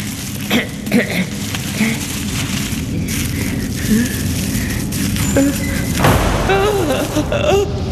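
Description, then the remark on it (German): A heavy door, leading to the throne room of Oz in a German Wizard of Oz audio play, slams shut with a deep, booming thud partway through, amid a busy, rumbling background with scattered tonal sounds and faint voice-like murmurs. “Nur die Tür. Es war nur die Tür.”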